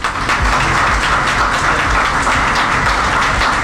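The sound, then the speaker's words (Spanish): A crowd applauds steadily at the inauguration ceremony of the courthouse building for the Casilda tribunals, Santa Fe Province, many hands clapping at once in a dense, even roar of claps that holds loud and unbroken throughout, with no voices rising above it. “saludamos con un aplauso.”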